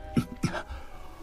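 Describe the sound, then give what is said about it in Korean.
A tiger cries out in distress with its mouth open, outside a cave, a hairpin stuck in its throat: two short, whining wails in quick succession, moderately loud, followed by a faint low background hum. “도솔 스님이 굴 밖에 나오자 그곳엔 호랑이 한 마리가 입을 벌린 채 울고 있었습니다.”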